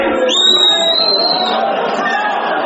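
A stadium crowd at a football match erupts in a loud, continuous uproar of overlapping shouts after a striker is tripped near the goal, with a shrill whistle-like tone cutting through early on before the roar carries on steadily.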